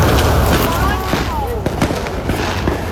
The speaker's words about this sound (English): This is the streets of Darwin. It's apparently Territory Night. We've arrived on this evening. There's fireworks in all the suburbs, all around us, because people can buy fireworks and set them off till midnight.